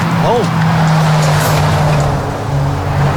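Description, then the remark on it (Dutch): A very large truck comes by much too fast, rumbling loudly with a steady low engine drone, a brief rising whine near the start, and continuous road noise throughout, as people wait to cross the road. “Die komt veel te hard aanrijden, kunnen wij constateren.”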